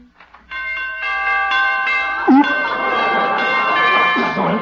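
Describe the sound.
Door chimes ring out loud, several bright tones struck in quick succession and left to ring together, with a brief voice cutting in partway through.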